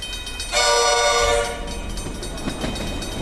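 A loud, blaring train horn sounds for about a second, then gives way to the steady rumble and faint clatter of a train rolling along the tracks.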